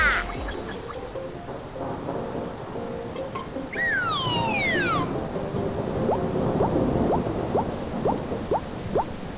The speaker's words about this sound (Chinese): 打雷是不打了，可这雨怎么还不停啊？下雨天最讨厌了。